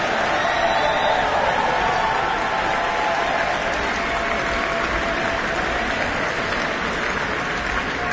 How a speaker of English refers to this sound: Please, big round of applause for everyone involved in tonight.